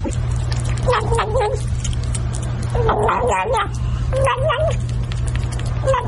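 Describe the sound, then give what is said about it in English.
A kitten makes warbling, gobbling little growls like a turkey while eating food, coming in three short bursts over a steady low hum. “That is a kitten eating food, gobbling like a turkey.”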